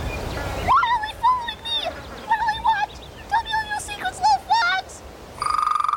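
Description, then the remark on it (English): Frogs croak in a run of short, chirpy, warbling calls that come in irregular bursts, followed by a brief steady buzzing trill at the end. No one speaks. “A lot of them are following.”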